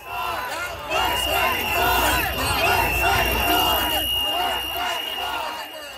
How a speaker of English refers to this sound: it was a lot of people yelling, "Worth fighting for," over and over. They chanted the entire time that Premier Doug Ford was on stage, pretty much drowning him out.